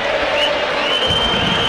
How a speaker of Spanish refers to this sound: Y así recibe el hincha de San Lorenzo su equipo. Ah, fuerte, ¿eh? Fuerte, ¿eh? La salida de un equipo ya recibida con silbidos.